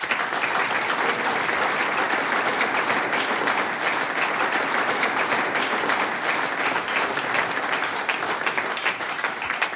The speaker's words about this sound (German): Applaus für die Katrin.